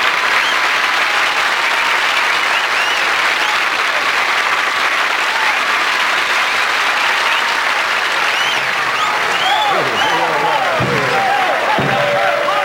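A large audience applauds loudly and steadily, a dense wash of clapping with some cheering, welcoming comedian Rodney Dangerfield, and near the end a man's voice begins speaking over the fading applause.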